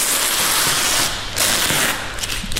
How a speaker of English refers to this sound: So unwrapping a Monet. Yeah. I'm just going to lift it to where it's going on the wall. I'm going to get the sounds of the unwrapping, actually. It's quite nice paper tape sound.